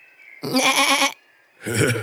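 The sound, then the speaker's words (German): A person imitates a sheep, giving two loud, wavering bleats with a short pause between them. “Hört mal, ich kann ein Schaf nachmachen.”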